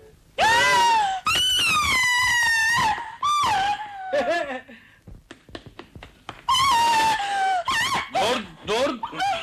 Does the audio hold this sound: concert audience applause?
no